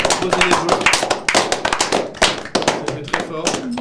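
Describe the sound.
A small group applauds the winners, with quick, irregular hand claps running steadily for several seconds, while a few voices sound faintly beneath the clapping.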